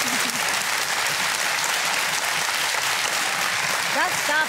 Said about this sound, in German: Ich finde, da dürfen Sie gerne mal klatschen.